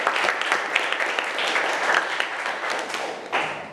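A classroom of students applauding together, a dense, steady patter of many hands clapping for about four seconds, with a brief swell near the end and no talking. The teacher has asked the students to applaud the student representatives.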